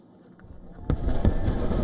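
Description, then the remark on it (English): Fireworks bang and crackle at the 4th of July celebration in Washington, D.C., marking 250 years of United States independence: a sharp burst followed by another, over a dense, rumbling wash of explosions that swells louder as it goes. “These are the visuals on your screen that you can see that show fireworks celebrations marking the 250th independence of the United States.”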